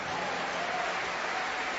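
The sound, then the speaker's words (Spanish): A crowd applauds the Lord during a sermon, a dense wash of many hands clapping at an even, sustained level with no pauses and no voices standing out. “Dele mejor aplauso al Señor.”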